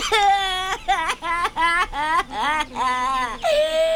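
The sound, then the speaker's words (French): A voice imitates a crying baby crocodile with a string of loud, high-pitched wavering wails, broken into about seven short sobbing bursts, ending on a longer drawn-out whine. “Oh non, petit croco, non, je t'en prie, ne pleure pas.”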